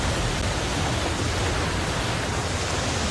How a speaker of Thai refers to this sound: พายุก็กำลังมา ฝนเพิ่งเริ่มตกครับผมว่าพวกเราต้องหนีแล้วล่ะ คลื่นแรงและฝนตกหนักอาจทำให้ดินถล่มได้